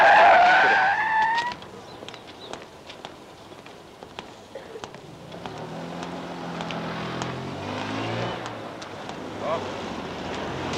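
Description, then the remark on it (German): Car traffic going by: a loud screeching tire squeal at the start, then a steady engine rumble with rising and falling tones as vehicles pass, plus some wind noise. “Die vielen Autos.”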